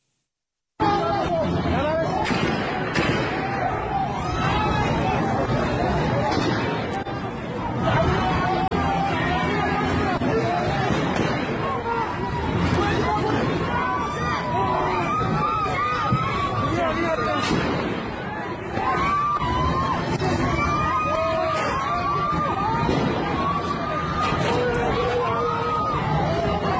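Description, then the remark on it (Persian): A dense, roaring street crowd of protesters on Tajrish Street fills the scene with continuous overlapping voices, shouts and chatter, loud and sustained throughout with occasional sharper yells rising above the din. “تصاویر جدیدی که از خیابان تجریش منتشر شده بسیار بسیار جمعیت زیادی رو نشون میده.”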